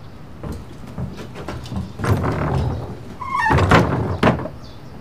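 A door is pushed shut with a scraping rumble, then a solid thud, and a final knock-like bump as it settles, with no one speaking.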